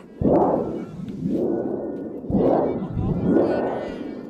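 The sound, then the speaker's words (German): A thunder sheet, worked by audience members to make the storm Prospero raises in a stage performance, is shaken in loud, rolling waves of booming, wobbling metallic rumble, four swells that rise and fade, two starting with a sudden crash, with no voices. “Und dann geht die Geschichte so weiter, Prospero entfacht einen Sturm und da braucht man ein Donnerblech, das dürfen die Zuschauer bedienen.”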